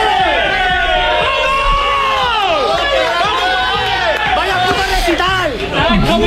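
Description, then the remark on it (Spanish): A dense crowd of players shouting and cheering together in the locker room, celebrating, voices overlapping in a loud, continuous celebratory roar with chanting-like swells throughout. “Sobre el campo, los jugadores celebraban al ritmo de … d'… y en el vestuario siguió la fiesta.”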